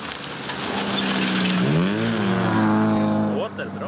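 An old, dented car fit for the scrapyard revs up and accelerates on a remote dirt track as the driver floors the gas pedal, its harmonic drone rising in pitch and then holding at a loud, rough roar, with some rattling noise over the top.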